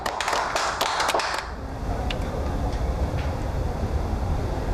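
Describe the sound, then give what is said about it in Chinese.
A short burst of group applause welcoming judges of the Xixing County environmental protection court, many hands clapping briskly for about a second, then it stops and only a steady low rumble of background noise remains. “哦， 各位，这是西兴县环境保护审判庭的法官罗庭长耿法官，大家鼓掌欢迎。”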